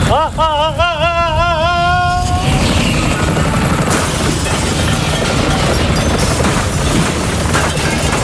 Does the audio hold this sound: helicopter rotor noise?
yes